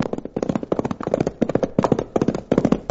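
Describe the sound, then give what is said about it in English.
A saddled horse's hooves clip-clop steadily along a trail in a quick, even rhythm as it is ridden fast toward a large ranch, each hoofbeat a sharp knock, with no voices over them. “I did throw a saddle on my horse and start burning up the trails which lead from Dos Rios to Mitt Cummings' huge ranch”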